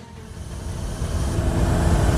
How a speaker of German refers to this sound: Schau da vorne. Die Straßen sind wie leergefegt und das Auto fährt viel zu schnell.